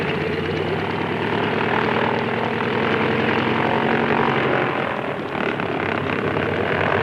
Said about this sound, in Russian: Он никогда не оторвется от земли. Взлетная полоса размокла, а самолет слишком перегружен. Он проехал уже до половины взлетной полосы и все еще не поднялся в воздух.